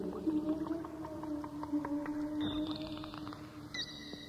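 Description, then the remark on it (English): Underwater dolphin calls: steady high whistles with a couple of sharper rising whistles near the end, threaded with rapid clicking, all over a low watery hum with no voices. “The dolphins swim closer and closer until they are there with you.”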